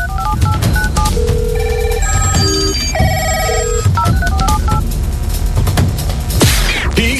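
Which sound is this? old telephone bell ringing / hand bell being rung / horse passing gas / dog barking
old telephone bell ringing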